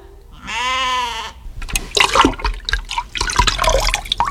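A short goat-like bleat comes first, then a few seconds of irregular water splashing and sloshing, moderately loud, as water is drawn and poured at a well.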